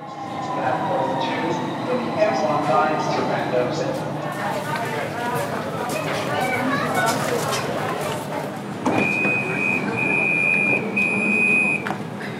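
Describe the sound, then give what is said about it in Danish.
Steady rumble and rattle of a metro carriage in motion, heard from inside, full of people with rolling suitcases, shorts and sunglasses on a sunny Thursday afternoon, with crowd chatter throughout and a sustained high electronic tone or chime sounding near the end. “Og metroen er da også fyldt med rullekufferter og folk med shorts og solbriller på den her solrige torsdag eftermiddag.”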